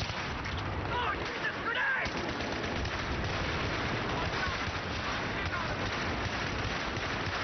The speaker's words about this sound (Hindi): चारों तरफ भयंकर गोलों की गूंज फैल रही थी। इधर से भी जवाबी हमले किए जा रहे थे।